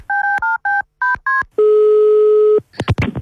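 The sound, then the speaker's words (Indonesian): Five quick, loud beeps from a telephone keypad being dialed to call someone again, then a single longer steady tone and a few clicks and rustles at the end. No one speaks. “Kita telepon lagi Uni.”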